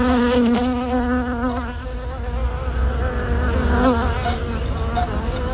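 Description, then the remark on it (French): A dense, steady drone of many honeybees buzzing around their hive, their overlapping wingbeats forming a continuous humming swarm with slight shifts in pitch, no voices present. “Une reine qui est à la fois la vie et la raison d'être de la ruche.”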